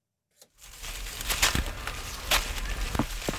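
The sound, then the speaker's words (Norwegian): A few soft thuds and rustles of apples dropping through leaves onto the ground from a big old apple tree in a garden in Slemdal, Oslo, Norway, scattered irregularly over a steady outdoor hush, moderately loud. “Lyden av fallende epler ganske fin.”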